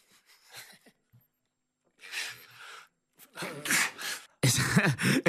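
A sharp, breathy sneeze bursts out amid a few short noisy outbursts during an interview with a footballer, with loud laughter breaking out in the background toward the end, following a question.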